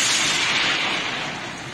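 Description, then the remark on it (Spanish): A loud thunder clap bursts in as a harsh, crackling roar that stays strong, then slowly fades over under two seconds. There are no voices. “Mándame otra vez la señal, Dios mío, que el trueno no me dejó escucharte.”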